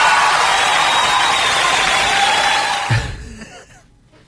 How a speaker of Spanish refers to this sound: ¡Aplauso!